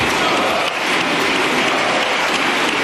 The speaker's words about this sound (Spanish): Uno de los aplausos más largos que se había producido en el Congreso de los Diputados duró 96 segundos. Febrero de 2020, aplaudían a la derecha de Sánchez a José Luis Ábalos.